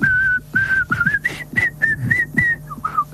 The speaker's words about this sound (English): I like whistling, but after a few seconds, it kind of gets a bit dull.